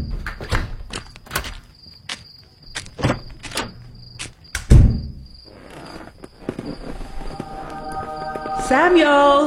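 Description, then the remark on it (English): A series of sharp clicks and rattles leads to a solid thud as a door is shut and locked, with a steady cricket chirp in the background and a brief voice at the end. “And I'm going to lock my door this time.”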